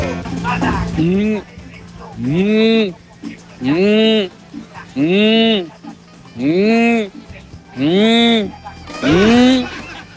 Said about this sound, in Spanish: Hasta las vacas se están reportando ahí.